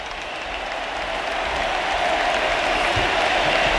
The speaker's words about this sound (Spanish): Sí, se va Messi. Se va Messi. Por tanto, Otamendi asume la capitanía. Y vamos a escuchar ahora a la Arrowhead Stadium. Con ovación a Leo Messi.